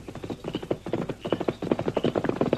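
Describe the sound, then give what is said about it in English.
Horse hooves clip-clop along a trail in a steady, rhythmic gait as Trench rides along it, the hollow knocks clear, with no voices. “You listen, you hear horse. Trench come along trail behind me.”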